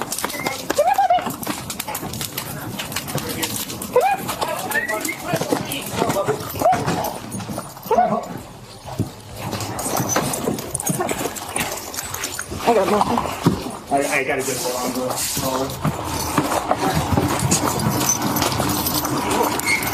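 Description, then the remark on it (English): A dog trapped inside a burning house whimpers and yelps as police rescue it in Westminster, Colorado, amid a noisy, chaotic scene with people talking and shouting and steady background clatter throughout. “And police in Colorado are sharing a video of a rescue from a house fire. A dog was actually trapped inside.”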